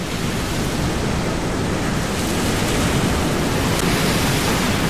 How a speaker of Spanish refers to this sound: Ben, pois, este son de mar, este son de olas, e o son que vai a acompañar a Matthew Wright, o médico australiano que este mesmo domingo vai a emprender unha viaxe increíble